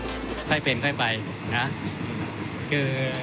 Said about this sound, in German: Der Zug fährt vor sich hin.